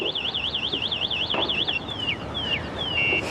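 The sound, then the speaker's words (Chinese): An electric scooter alarm blares a rapid, high warbling siren, then switches to a series of shrill descending chirps and a steady high beep, loud and alone without any talking. “谁家的电动车？”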